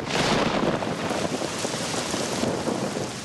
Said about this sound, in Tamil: ஆஹா, இந்த மழையாலையும் பயிர் பாதிச்சிருச்சே, இப்ப என்ன செய்யறது?